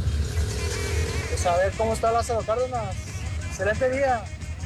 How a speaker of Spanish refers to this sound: reportando de 8 de julio para Lázaro Cárdenas. Pues sí hay coches, no está como lento el tráfico, pero sí hay coches.